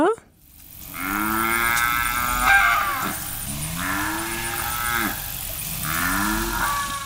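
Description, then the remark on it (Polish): Cattle moo again and again in Serbin, Texas, USA, three long, drawn-out lows rising and falling in close succession, fairly loud over a steady outdoor background hum, with no one speaking. “Jo, wiele krowo a konjo tam maju.”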